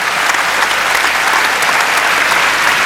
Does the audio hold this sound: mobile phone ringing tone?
no